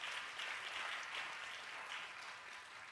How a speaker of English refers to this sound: So here's … saying, someone give Jesus a hand clap. Someone caught that.